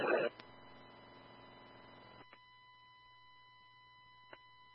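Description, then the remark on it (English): A fire alarm going off inside a youth center, heard over radio: a steady, unbroken high-pitched tone, faint through radio static, with a short crackly burst at the start and a couple of faint clicks. “Appears there's an alarm going off inside.”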